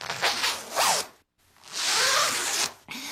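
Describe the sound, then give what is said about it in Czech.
A clothing zipper of the kind used to fasten jackets and sweaters, played as a sound-guessing riddle, is pulled in quick raspy strokes: a short zip, a gap of silence, then a longer, steady zip with a brief tail. It's fairly loud, with no voices. “To je, tedy zní to jako to, čím si zapínáme bundy a svetry,”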